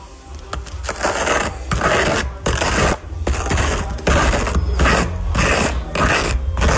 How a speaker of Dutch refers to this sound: Het smeren van mijn beschuit met boter.